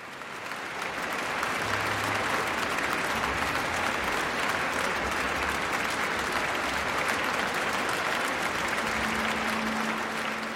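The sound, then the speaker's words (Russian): The audience of the Tchaikovsky Concert Hall gives a sustained ovation to conductor Mikhail Pletnev and the Russian National Orchestra after Rachmaninoff's Symphony No. 3 in A minor, 19 December 2009; dense steady clapping from many hands, loud and continuous throughout with no speech. “Заслуженные овации публики, концертного зала имени Чайковского, маэстро Плетневу и музыкантам РНО.”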